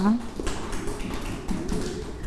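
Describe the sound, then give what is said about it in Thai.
Scattered, uneven hand claps from a group of students clapping for themselves at the teacher's request after counting numbers aloud in a lesson, a handful of soft taps spread over two seconds, with voices murmuring underneath. “เก่งมากค่ะปรบมือให้ตนเองค่ะ”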